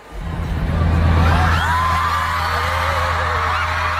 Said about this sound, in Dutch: Als je dit zou horen, normaal gesproken in een stadion, dan zou je geen idee hebben waarom iedereen aan het juichen is.